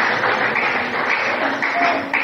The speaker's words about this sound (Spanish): Alguien diga amén y dele fuerte el aplauso al Señor.